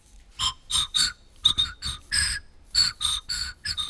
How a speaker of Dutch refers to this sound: Ik heb zelf een fluit mee. We horen gewoon wat lucht.